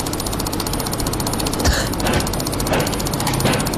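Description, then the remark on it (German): A computer mouse clicked extremely fast, over 700 times in 60 seconds in a world record, the clicks blurring into a steady, rattling buzz for the whole stretch, fairly loud and even, with no voices over it. “Und jetzt, Achtung, er hat es geschafft, in 60 Sekunden über 700 Mal die Maus zu klicken.”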